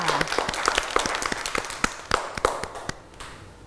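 A group of children clapping for a classmate's clay elephant, in loose, uneven bursts, sharp overlapping claps that stay fairly loud and then taper off toward the end. No one speaks.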